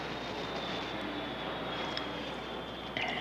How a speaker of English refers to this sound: We're right under the flight path to the airport. That's why everybody moved out of here as soon as they started bringing in those big jobs.